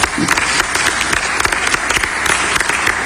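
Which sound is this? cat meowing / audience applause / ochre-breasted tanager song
audience applause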